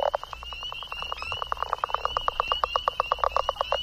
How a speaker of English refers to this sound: Got a spring peeper.